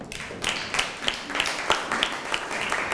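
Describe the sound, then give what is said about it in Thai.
A group of students in a classroom claps for a group's presentation, with sharp claps landing in a loose, steady rhythm about three times a second over a dense wash of overlapping hand claps at moderate loudness. “เยี่ยมครับปรบมือครับ”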